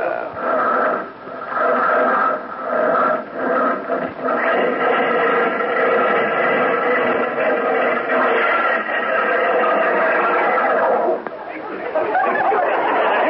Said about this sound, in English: Sound of that Stutz Bearcat engine under the hood there. You know what? It sounds like the bear's trying to claw its way out to me. Tell me this. How come it stalled like that?